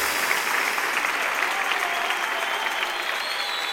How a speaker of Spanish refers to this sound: dale una ofrenda de palmas al Rey de Reyes.